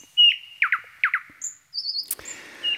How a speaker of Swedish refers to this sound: Ja, de tekniska förutsättningarna har förändrats en smula, men näktergalssången är densamma.